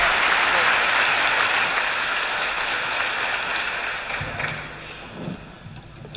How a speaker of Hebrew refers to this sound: רחש בקהל.